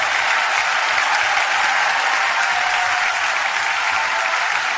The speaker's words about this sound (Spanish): ¡Den un fuerte aplauso!